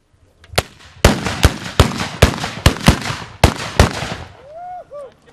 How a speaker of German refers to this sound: Doch im Zentrum stand natürlich das Böllerschießen. Die Handböllerschützen wurden übrigens kommandiert vom Vizepräsidenten des Bundesverbandes der Böllerschützen